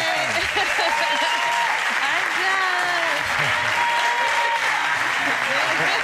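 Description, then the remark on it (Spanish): A large audience applauds steadily for about six seconds for a guest artist and Àngels Barceló, a dense, even roar of clapping with scattered voices and cheers rising through it. “Tenemos esta artista que nos acompaña, esta catedral, y Àngels Barceló, por favor, denle un aplauso nuevamente.”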